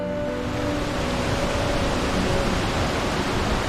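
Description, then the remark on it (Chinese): A steady, dense roar of rushing water from a waterfall at Dehang in Xiangxi, China, loud and unbroken for the whole stretch, with no voices over it. “收集到了两种不同的声音，阿婆的棒槌是日子， 对， 瀑布的水雾是天地。”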